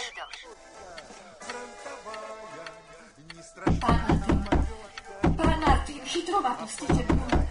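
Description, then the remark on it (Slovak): In the Slovak radio drama Rodinný atlas, soft music fades out, then loud knocking on a door by a visitor comes in a steady run of sharp raps, pauses briefly, and resumes with another series of heavy knocks. “Ale takto búcham na dvere.”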